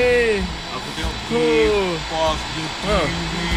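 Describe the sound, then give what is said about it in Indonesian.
A steady, whooshing electric fan blows continuously in the background while people talk over it. Its airy hiss stays even and unbroken throughout. “Tengah relax lah ni. Kipas sedap ni.”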